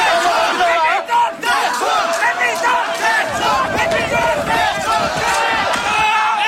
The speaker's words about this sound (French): Lors de cette première journée de manifestation, aux environs de midi, et alors que tout est très calme, la foule avance, les bras levés vers le Parlement, tout en réclamant la démission du Premier ministre.